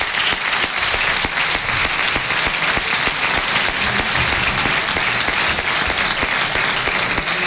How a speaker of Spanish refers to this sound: Pues ahí están también ya subidos en el escenario. Ese saludo y de nuevo ese aplauso.